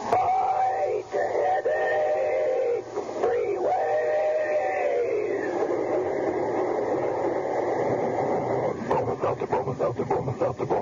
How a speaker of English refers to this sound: When it's a common sick headache that has you feeling miserable, let our talking train tell you how to lick it.